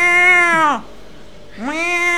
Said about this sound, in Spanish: Otro gato.